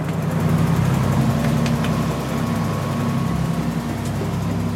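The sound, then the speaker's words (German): The engine of an old, roughly 10-metre boat out at sea, used for orca research, drones steadily: a low, even rumble with a faint vibrating hum that holds without a break throughout, and no voices. “Ich bin auf dem Meer unterwegs mit Orca-Forscher Renaud de Stefanis. Wir sind auf dem Boot seiner Organisation.”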